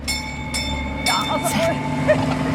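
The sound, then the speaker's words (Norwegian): A diesel tourist train called the Trolltoget, a red and green locomotive pulling two carriages, running, its engine giving a steady, droning low rumble with a faint hum on top and a few brief rattling bursts over the 2.6 seconds. “Ja, det nesten ikke godt å si, altså, men jeg sitter et slags et lokomotiv, og så det to vogner bak, så det det de kaller trolltoget her, altså det rødt og grønt og helt nydelig og går på diesel, så dere hører sikkert at det bråker jo veldig”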